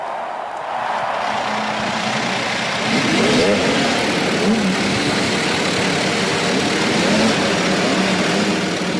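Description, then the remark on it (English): A field of IndyCar race car engines roars to life and revs together at the start of the 97th Indianapolis 500, a loud, dense mechanical drone with overlapping pitch swells, amid a large open-air crowd. “And gentlemen, start your engines.”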